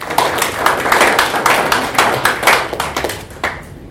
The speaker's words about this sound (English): So we can clap for them.